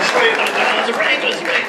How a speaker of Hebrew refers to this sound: איפה כפיים? יותר כפיים,